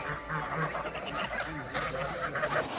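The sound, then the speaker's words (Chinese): A crowded flock of Landes geese honking over one another, a dense, continuous clamor of overlapping nasal calls with no pauses, in Linqu, at the northern foot of Yishan, where the breed is raised for the foie gras industry. “加之林渠地处宜山北麓，与法国朗德地区的气候高度相似，朗德鹅一经引入，便在这里实现了成功繁育。”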